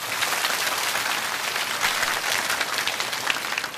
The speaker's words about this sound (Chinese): 非常好，掌声鼓励一下。